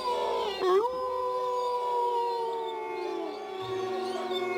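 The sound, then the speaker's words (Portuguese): Several wolves howl together in long, sustained wavering notes that rise and slowly fall, overlapping into a continuous chorus with no talking, fairly loud. “Todos pensaram o mesmo. São lobos.”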